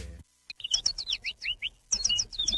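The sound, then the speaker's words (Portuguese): A small bird sings, a quick run of bright, high chirps and twittering trills in two bursts with a brief pause between, with no voices. “Vamos acordar que o passarinho já tá cantando.”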